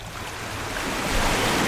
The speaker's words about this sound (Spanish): Escuches este rumor que nunca se apaga, es el latido azul que sostiene la vida, es el mar.